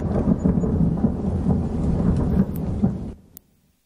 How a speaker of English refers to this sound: There aren't any real thunderstorms right now, but that's certainly a nice sound effect to get us back to the show